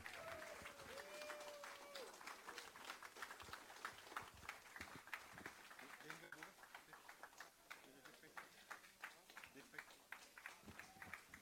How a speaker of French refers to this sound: Ou tout à l'heure, c'est du bon, bonne main d'applaudissement.